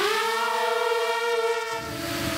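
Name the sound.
FPV drone buzzing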